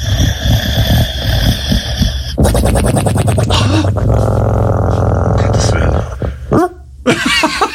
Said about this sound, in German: Und zum anderen hat sie eine schwarze französische Bulldogge, den Pablo, und der hat ein besonderes Talent. Er kann natürlich unfassbar süß schnarchen. So süß, dass ich nicht mal schlafen kann manchmal. Es klingt dann übrigens so.